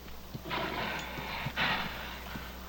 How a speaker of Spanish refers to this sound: Estaba admirando su caballo.